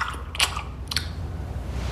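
Two sharp, wet lip-smacks from someone eating a chocolate bar under a kitchen table, spaced about half a second apart, over a low steady background hum with no talking.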